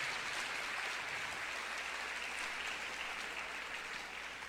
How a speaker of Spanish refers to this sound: Palabra del Señor. Dele un aplauso a la palabra del Señor nuestro Dios.